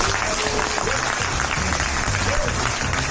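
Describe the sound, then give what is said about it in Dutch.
Sustained applause from a crowd, a dense, steady wash of clapping at even loudness throughout, with faint voices murmuring underneath, as the winner of the Inktspotprijs, the prize for the best political cartoon, is announced. “Ja, en in schril contrast tot dit applaus trekken we vanavond letterlijk de beerput open.”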